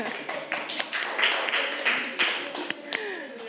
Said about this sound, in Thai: โอเคปรบมือให้กลุ่ม3ค่ะ